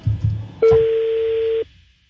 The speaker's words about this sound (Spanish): Estoy marcando otra vez. La uno, perrito, por favor. A ver, vamos a marcarle.